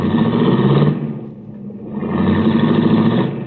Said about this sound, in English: I watched Cookie's baby blue convertible cut out into the traffic.